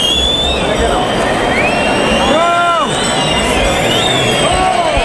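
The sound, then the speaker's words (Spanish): A large bullring crowd shouts and cheers loudly and continuously, demanding an ear for bullfighter Sebastián Castella, a dense roar of many voices with whistles rising over it and swelling in intensity. “Ahora los gritos se incrementan.”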